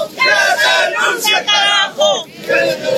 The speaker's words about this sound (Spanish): Que renuncie el Paz Pereira, ese es el grito revolucionario.